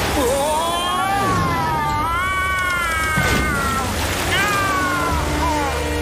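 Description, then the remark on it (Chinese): In an animated show, high, wavering kitten meows overlap one another in drawn-out, pleading cries as the kittens are in trouble in a strong current of sewer water, set over a steady wash of rushing, sloshing water that fills the background throughout. “莱德，韩丁娜先生和小猫咪们遇到大麻烦了。”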